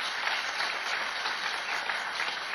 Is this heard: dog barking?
no